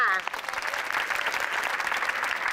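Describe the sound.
A burst of steady audience applause, dense and loud, sustained evenly for a couple of seconds as the studio audience of a morning TV talk show claps to welcome a guest, an online seller, with a brief voice fading out at the start.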